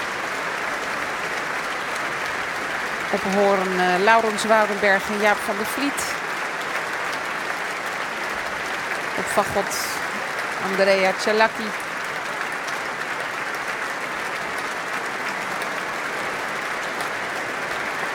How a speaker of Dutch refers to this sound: Groot applaus ook van de muzici van het orkest. En applaus nu ook voor de solisten uit het orkest.